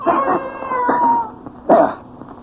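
cat yowling

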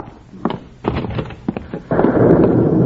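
thunderstorm

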